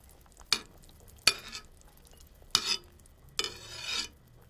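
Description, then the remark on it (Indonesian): A ladle skims fat off simmering chicken broth in a pot over lowered heat, four short bright strokes spaced a second or so apart, the last one longer, with no talking. “Kalau air sudah mendidih, kecilkan api dan buang lemak yang naik ke permukaan.”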